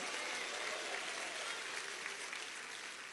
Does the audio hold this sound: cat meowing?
no